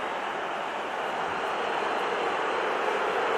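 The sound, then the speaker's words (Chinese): A football crowd at Hill Dickinson Stadium boos after a Manchester United tactical foul in a match against Everton, a loud, sustained, unbroken roar of low jeering voices that holds steady for the whole stretch, with no one speaking over it. “希尔迪金森球场内啊是嘘声四起。”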